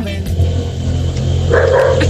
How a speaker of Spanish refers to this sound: Si no suena el perro, Nico, no va a quedar feliz